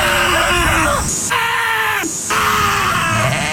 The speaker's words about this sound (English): Those are actual sheep screaming. They're all over the internet. You can find it. But those are sheep screaming.